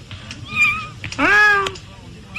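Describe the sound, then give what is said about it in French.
A baby giraffe calling: a short, fainter nasal bleat, then a louder, drawn-out whining cry that starts low and rises, over a low rumbling background. “C'est le bébé girafe qui se prend une tête.”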